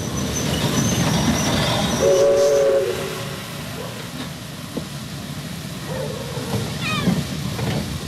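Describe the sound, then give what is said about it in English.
A southbound steam train rumbles steadily as it pulls to a halt at Tamworth railway station, with a brief whistle-like tone early on and a few high squeals near the end. “Had I known it, at that very moment she was aboard the southbound train that was steaming to a halt at the Tamworth railway station.”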